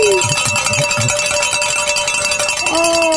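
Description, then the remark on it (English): Bells ring loudly and continuously, a dense clanging wash of bright metallic tones with steady sustained pitches that shift slightly near the end, with faint voices murmuring underneath. “I think this is the latest we've rang the bells.”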